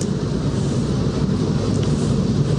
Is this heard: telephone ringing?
no